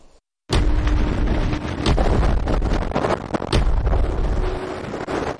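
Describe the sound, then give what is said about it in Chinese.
After a brief silence, a powerful rush of wind, simulated in the wind tunnel laboratory of Beijing Jiaotong University, roars up suddenly and stays loud, a dense, turbulent blast with occasional harder gusts and buffeting thumps, simulating a sudden gust hitting someone holding an umbrella. “记者近日走进北京交通大学风洞实验室，用模拟实验揭开其中的安全隐患。”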